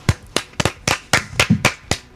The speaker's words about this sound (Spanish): ¿Y ahora por qué me aplauden?